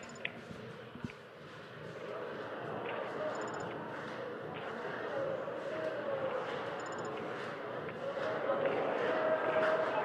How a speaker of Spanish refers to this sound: Y ahora va a hacer ese cántico típico con las palmas arriba de todo el estadio que se hace todos los partidos de final. Vamos a escucharlo.